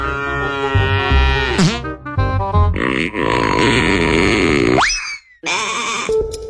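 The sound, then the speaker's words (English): Several loud cow moos follow one another in quick succession, each a drawn-out lowing call with swooping pitch, separated by only brief pauses. “Why did the cow go to space? To see the moon.”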